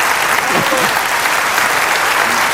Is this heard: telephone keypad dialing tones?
no